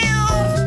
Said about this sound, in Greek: Γάτες.